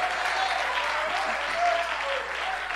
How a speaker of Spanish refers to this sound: Alabado sea la gloria del Señor. Alguien le da un fuerte aplauso a Dios.